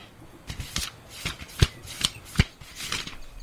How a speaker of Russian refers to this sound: зашелестел страницами книги.